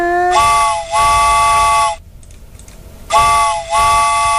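A loud steam train whistle blows as a train departs. It sounds in two long, harmonically rich blasts, each with a brief dip midway, separated by a short gap of quiet hiss; no one speaks.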